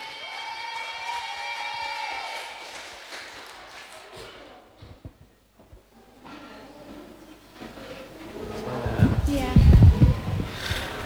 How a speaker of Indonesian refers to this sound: Tepuk tangan boleh.